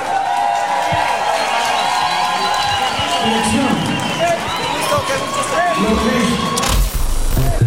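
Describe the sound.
A large crowd roars with sustained cheering and applause, loud and continuous throughout, with a dense wash of clapping and voices that swells slightly near the end.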